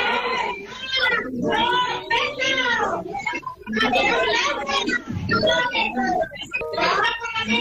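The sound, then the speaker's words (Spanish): A crowd of residents shouts over one another at a tense town council plenary session in Pioz, loud overlapping raised voices continuing almost without pause for several seconds while spokespeople read their positions. “muy tenso, salpicado continuamente por los gritos de los vecinos, mientras los distintos portavoces leían su posición, intervenían en ese pleno.”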